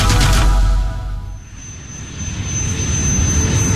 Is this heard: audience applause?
no